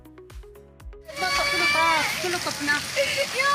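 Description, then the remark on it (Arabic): After a few brief tonal notes, a dense, steady, loud patter of rain sets in on a displaced family's tent in northern Syria during an autumn rainstorm, with rainwater coming into the tent and a young girl wailing and talking over it. “فخلال المنخفض الجوي الأخير والعاصفة المطرية الخريفية التي أصابت الشمال السوري، انتشر مقطع مصور لطفلة تبكي بسبب دخول مياه الأمطار إلى خيمة عائلتها.”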